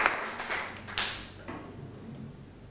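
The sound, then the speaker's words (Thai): A group of students claps together for the classmates representing the first group as they come up to present, producing a dense patter of quiet overlapping hand claps that continues for a few seconds without anyone speaking. “นักเรียนต้นทางครับปรบมือให้กับตัวแทนที่จะออกมานำเสนอเป็นกลุ่มแรกด้วยครับเชิญครับ”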